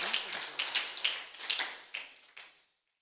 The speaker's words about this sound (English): Let us clap for the Lord.